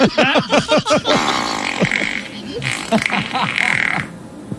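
A burst of loud fart sound effects, first a quick run of short sputtering blasts, then longer, raspier ones trailing off in a buzzy, wet rumble.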